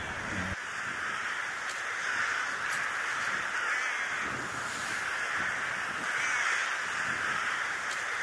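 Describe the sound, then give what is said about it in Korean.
A large flock of rooks caws continuously, a dense overlapping din of many birds at once, steady and fairly loud throughout with no pauses, as they begin entering their roosting bamboo grove at Samho bamboo forest in Ulsan. “까마귀 노는데 백로야 가지 마라라는 말도 있는데, 이곳 백로는 때까마귀를 전혀 개의치 않는 모습입니다. 이제 때까마귀가 잠자리인 대숲으로 들어가기 시작하는데요.”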